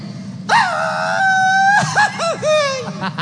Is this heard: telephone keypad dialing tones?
no